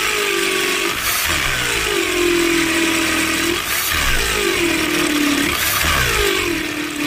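A power drill motor whines loudly, revving in roughly three surges, each one winding up with a burst and settling into a steady high buzz before the next.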